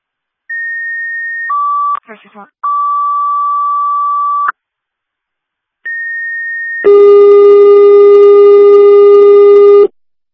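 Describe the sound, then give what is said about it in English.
Loud fire department dispatch alert tones, struck by accident by a dispatcher: a high steady tone stepping down to a longer lower one, a short garbled burst, another high tone, then a harsh, buzzy warble-like blast holding for several seconds. “I struck your tones on accident.”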